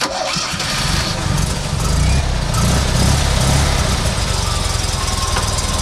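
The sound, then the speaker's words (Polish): The engine of a small Fiat 126p car cranks briefly, catches on the first try, and settles into a loud, steady, rattly idle, with no talking. “Ale jak pięknie złapałeś od strzała. Od strzała zapalił.”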